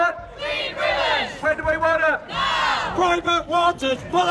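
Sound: protest crowd chanting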